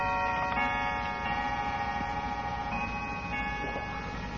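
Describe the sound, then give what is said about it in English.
A clock chimes with several struck, bell-like tones that overlap and ring on steadily, moderately loud, with a faint background hum and no voices. “To the memories, to the now silent ducts, to the still chiming clock.”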